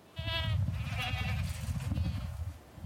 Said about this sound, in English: The goats are back on Nose Hill.